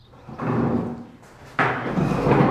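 Chairs lifted down from tables in an old primary school at the edge of a village, two separate bouts of wooden clatter and scraping, each lasting about a second, moderately loud with a brief pause between.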